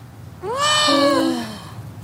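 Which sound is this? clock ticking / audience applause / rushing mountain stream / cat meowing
cat meowing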